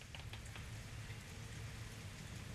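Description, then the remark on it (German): Steady rain falling on a Tuesday morning, a continuous soft patter with scattered drops tapping on a surface, heard on its own with no voices. “Ja, das ist der Sound vor Zufriedenheit, vor Ruhe. Es regnet.”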